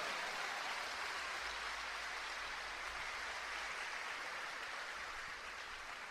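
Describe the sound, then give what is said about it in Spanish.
A crowd claps steadily, a dense wash of applause that stays strong and even across several seconds with no voices over it, applauding the women who save the church. “Pero un gran aplauso para esas mujeres que, como la Virgen María, salvan la iglesia.”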